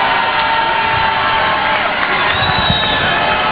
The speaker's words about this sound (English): This crowd, they have come to cheer, and they love their Pop-Tarts.